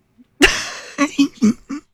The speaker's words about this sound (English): You made me cough. Did you hear that? Did you hear that goofy cough I just did?